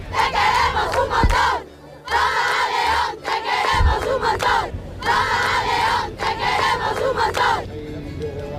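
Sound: crowd shouting and cheering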